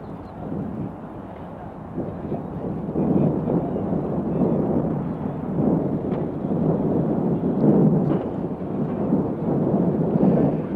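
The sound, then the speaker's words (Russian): A large crowd at Leningrad airport cheers and applauds warmly as Nikita Khrushchev and the president of Yugoslavia step out of a car. It is a dense, continuous wash of clapping and raised voices that swells slightly after the first couple of seconds and stays loud throughout, with a muffled, narrow tone. “Вы слышите, как собравшиеся горячо приветствуют выходящих из машины Никиту Сергеевича Хрущева и президента”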